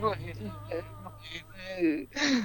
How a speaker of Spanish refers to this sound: Así. La verdad, estoy llorando.